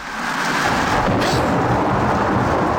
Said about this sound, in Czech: Právě je zastihla bouřka u Harachových kamenů v Krkonoších.